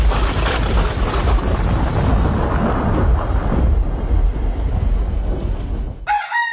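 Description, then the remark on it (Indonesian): A loud, heavy rumble of thunder rolls on continuously for about six seconds, booming, then cuts off abruptly as a brief, high crowing-like call begins. “Penyebab lain tingginya frekuensi petir di wilayah Bogor adalah keberadaan Gunung Salak dan Gunung Pangrango.”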